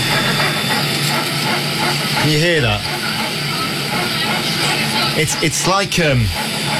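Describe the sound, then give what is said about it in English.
Steady, loud airplane cabin roar during a flight, with a couple of rasping, creaking strokes rising and falling like wood being sawed, a noise that went on for about ten minutes, recorded on a phone held up in the air. A voice briefly speaks over the droning background. “It's like someone sawing a piece of wood.”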